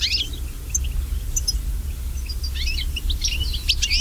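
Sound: goldfinch song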